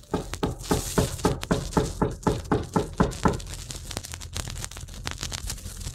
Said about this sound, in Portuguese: A porta de madeira era essencial para fazer o som de abrir, fechar ou da visita inesperada.